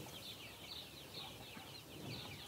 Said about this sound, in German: Auch wenn den jungen Tieren das Ausbrechen leicht gelingt, der Weg zurück ist für manche mühsam. Das ist typisch Hahn. Ne? Eine Henne hätte jetzt schon entdeckt, dass man unten durchschlüpfen kann.